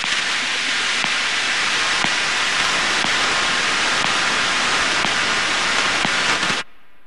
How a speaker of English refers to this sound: To everyone and everything other than the computers receiving the instructions, data sounds like nothing. Maybe some static, just blips between computers.